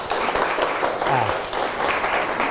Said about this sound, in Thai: ปรบมือเพื่อนหน่อยนะครับ